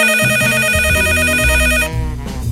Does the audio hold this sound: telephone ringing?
yes